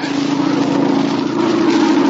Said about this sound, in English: It's a plane, all right. Must be going to land near here. Sounded mighty low. Just above the trees.